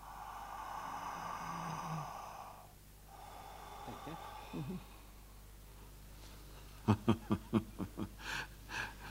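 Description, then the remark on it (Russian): A long, deep inhalation is followed by quieter exhaling, then a quick run of short, sharp breaths or sniffs, as a prisoner breathes on command during a doctor's stethoscope examination. “Дышите.”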